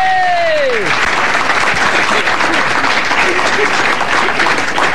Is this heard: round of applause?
yes